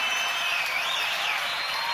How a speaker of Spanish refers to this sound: Fuerte el aplauso para toda la banda de Sin Miedo, loco, acá.